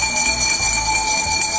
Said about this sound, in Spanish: Por ejemplo, yo quiero proponer el sonido del camión de la basura o las campanas de la basura. ¿Qué pasa cuando escuchas este sonido?